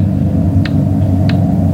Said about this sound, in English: Loud clock, ain't it?